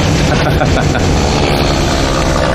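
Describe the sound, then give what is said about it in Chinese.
A loud, steady airplane engine drone fills the whole stretch, a dense, unbroken roar with a heavy low rumble, constant with no pauses. “是说你那些东洋马是害怕这飞机？”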